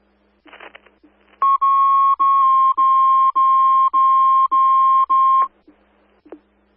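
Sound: dispatch radio alert tones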